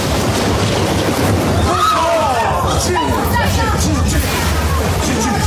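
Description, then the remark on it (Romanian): A loud, sustained thunderclap from a clear sky rumbles deeply across the whole stretch, with excited voices and murmuring chatter running beneath and over the roar. “Ce să fie? Un tunet!”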